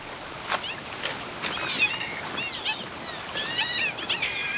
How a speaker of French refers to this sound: Je reconnais ce cri qui se situe entre la porte qui grince et le chat qui miaule. Ça serait une loutre d'Europe que ça ne m'étonnerait pas.